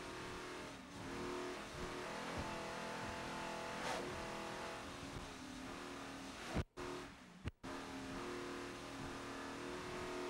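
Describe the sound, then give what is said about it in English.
A powerful T4-class racing powerboat engine roars continuously, recorded onboard during the National Championships at Deerfield Beach, with steady harmonic drone, briefly cutting out twice near the end as if the propeller leaves the water, then surging back. “Here's some onboard footage off of extreme liquid assets.”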